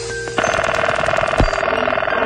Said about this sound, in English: Here's a collection of telephone sounds of the 1970s.